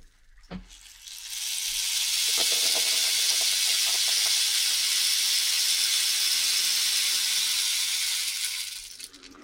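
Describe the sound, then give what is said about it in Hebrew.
A rain stick is slowly tipped, giving a steady, bright, hissing cascade of tiny pellets that swells in after a soft knock, holds evenly for several seconds, then tapers off. “יש פה גם מקל גשם.”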